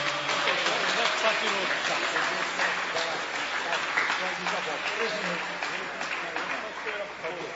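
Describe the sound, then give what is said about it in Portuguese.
A crowd applauds for Jesus while welcoming a pastor, steadily for several seconds, a dense, loud wash of clapping that eases slightly toward the end, with scattered voices mixed into the noise. “mas vamos recebê-lo, muito melhor, vamos recebê-lo como? Com aplauso para Jesus.”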